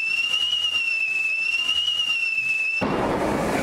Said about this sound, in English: Firework or fart? Well, it's a fart. I mean, a firework. It's a firework.